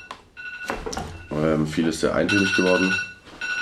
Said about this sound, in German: Telefon klingelt. Check mal, was die Lage. Ja, während unser Boardman kurz ans Telefon geht. Nein, das war nur der Timer. Das war der Timer.